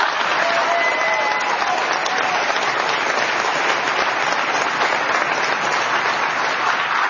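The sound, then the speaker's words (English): A crowd at a library event applauds steadily for several seconds, a dense, even wash of clapping hands that stays loud throughout without building or fading, with no voices rising above it. “I think she deserves another round of applause.”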